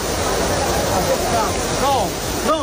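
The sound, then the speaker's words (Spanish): Steady splashing and rushing water of a fountain as a tourist swims strokes in it, with a few raised voices shouting briefly in the background near the end. “La turista dio unas brazadas en la fuente sin ningún problema, mientras seguridad le pedía que saliera.”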